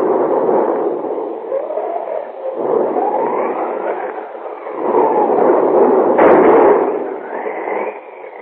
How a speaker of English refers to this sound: Outside, a thunderstorm is raging.